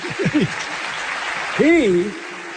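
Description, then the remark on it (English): An audience applauds steadily, a dense, even wash of clapping that runs the whole time, while a couple of voices call out over it. “Clap for him.”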